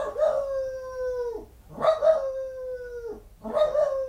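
A dog lets out three drawn-out, wavering howls with bark-like onsets, each about a second and a half long and separated by short pauses, loud with no talking.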